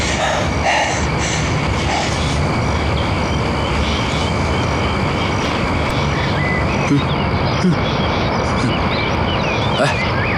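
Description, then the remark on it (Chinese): A loud, steady rumble of a train rolling along rails fills the whole stretch, with a faint high whine and a few sharp metallic clacks near the end. “你问问你大姐，那火车怎么处理啊？”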